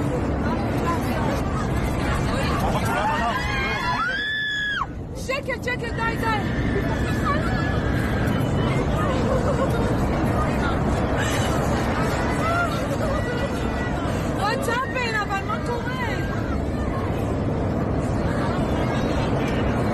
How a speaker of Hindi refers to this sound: इनमें भी सबसे खतरनाक वीडियो ये है जिनमें उस वक्त का खौफनाक मंजर कैद हुआ जब विमान महज 2 मिनट के अंदर 34,000 फीट की ऊंचाई से 14,000 फीट तक नीचे गिर गया, और इस दौरान विमान के अंदर चारों तरफ यात्रियों की भयानक चीखें सुनाई दे रही थी। सुनिए।